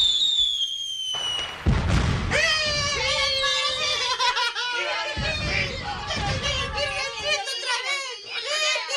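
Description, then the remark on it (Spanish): Firecrackers burst in loud, rough blasts as people come out of a church with a new statue of the Virgin, over a crowd of neighbors cheering and shouting, with excited high voices, including children, carrying on continuously. “Cuando salieron de la iglesia con la nueva virgencita, hubo una gritería por parte de los vecinos y comenzaron a reventar cohetes.”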